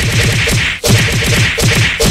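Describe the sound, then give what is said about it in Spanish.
A rapid barrage of loud, sharp knock-on-the-head smack sound effects, like cartoon knocks on the head, repeating in a fast steady rhythm with a brief gap partway through. No one speaks. “Y una lluvia de cocazos. Órale, cocazo.”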